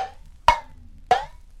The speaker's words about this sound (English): Number five was an empty tin can.